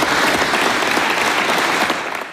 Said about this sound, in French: Les applaudissements pour Emmanuel Macron, vous l'avez entendu